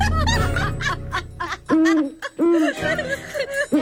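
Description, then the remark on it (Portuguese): A voice imitates an owl with a few drawn-out, wavering hoots, mixed with snickering laughter from other people, loud. “Ó, a coruja, a coruja.”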